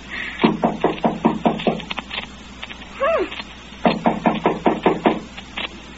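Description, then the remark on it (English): Two quick bursts of firm knocking on a wooden house door, outdoors in the snow, each about eight raps, separated by a short pause with a brief high-pitched squeaky whine in between. No talking. “Well, knock.”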